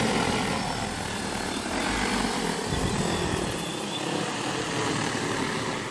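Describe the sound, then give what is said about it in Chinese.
A steady, loud whirring drone of rotors fills the whole stretch, a continuous buzzing hum from an agricultural drone flying over a shrimp pond to feed shrimp in Xisi town, with no talking. “就说程九金大哥今年刚引进了无人机喂虾，这一下就让养虾效率翻了好几番。”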